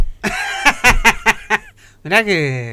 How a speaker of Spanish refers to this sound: No se tose adelante el micrófono tampoco, ¿eh?